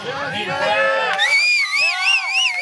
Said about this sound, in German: Die Leute jubeln.